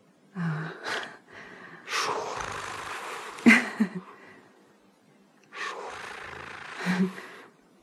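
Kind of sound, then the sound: human body sound, person breathing heavily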